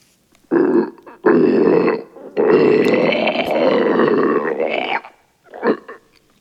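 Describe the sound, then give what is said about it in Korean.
A monster's gurgling, boiling throat growl, likely voiced by a person, comes in four loud, rough bursts. The third is a long, wavering rumble and the last is a short grunt. No one speaks. “괴수의 목을 떼에서 끓는 듯한 소리가 계속 흘러나왔지만 체령이 다가오면 놈은 한 발 뒤로 물러섰다.”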